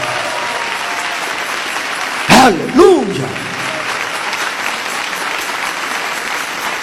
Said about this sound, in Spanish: Dele ese aplauso al Señor Jesús.